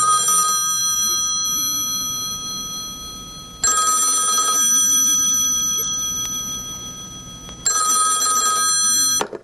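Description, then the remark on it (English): A telephone rings in repeated bursts about every four seconds, three rings in all, a bright electronic trill that fades slightly within each ring. It's clear, with no voices. “I left him and went back home, and later that day I had a phone call.”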